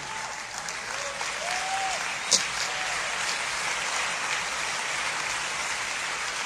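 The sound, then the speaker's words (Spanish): An audience applauds the Lord steadily, a dense wash of clapping hands that holds at an even level throughout, with a few faint voices and a brief sharp knock partway through. “Fuerte este aplauso al Rey.”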